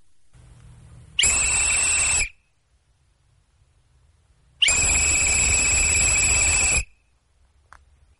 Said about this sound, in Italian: Poi è arrivato il fischio dell'addio.